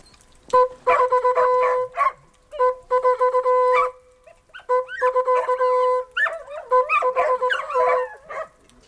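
A hunting horn sounds the 'Kitz tot' (dead fawn) signal: loud blasts alternating between two pitches in rhythmic groups, with a wavering, howl-like tone joining in toward the end.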